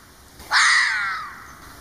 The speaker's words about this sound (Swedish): Vet ni förresten hur en räv låter så där på riktigt? Jag vet inte.